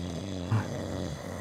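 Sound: loud snoring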